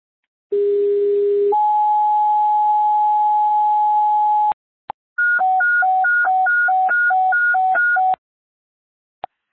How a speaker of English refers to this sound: Sir, stand by for tones.